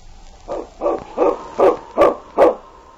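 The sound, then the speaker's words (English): A dog barks six times in a steady, evenly spaced series, each bark short and mid-pitched, clear over a faint background hum, with no talking. “Preston's going to keep that dog out of here from now on.”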